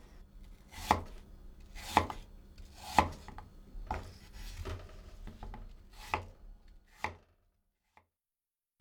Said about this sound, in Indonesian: Potong lagi potongan apel tadi hingga berukuran tebal sekitar 1 cm.